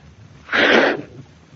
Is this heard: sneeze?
yes